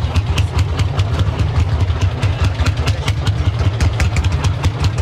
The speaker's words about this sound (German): Den Traktor muss man nämlich irgendwie andrehen und wenn du da nicht aufpasst, der bricht dir einen Arm